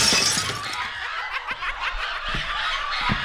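A loud crash as a shelf comes down, glass shattering in a bright burst, then several seconds of tinkling, clattering shards broken by a few dull thuds.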